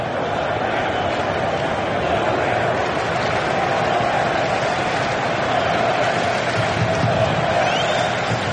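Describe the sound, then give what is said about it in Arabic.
A large stadium crowd of football fans, mostly English supporters at an England versus Norway match, chants and roars without pause, a dense, loud wall of voices from the stands that holds steady for the whole stretch. “في المدرج، هناك مباراة في المدرج، هناك مباراة ما بين الجماهير الإنجليزية الأكثر عددا بطبيعة الحال.”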